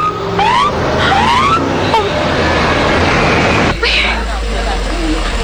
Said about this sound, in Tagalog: Ang patrol car? Nagapakadto diri?